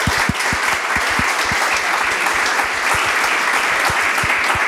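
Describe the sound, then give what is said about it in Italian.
A crowd applauds steadily for the young people of DOPAPS, dense clapping filling the whole stretch at an even, fairly loud level, with individual claps popping out of the wash of sound. “Io vorrei fare un grande applauso a loro.”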